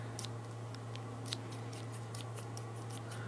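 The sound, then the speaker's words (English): Scissors snip repeatedly in quick, uneven bursts, a series of sharp metallic cuts over a steady low hum, with no voices. “It's scissors.”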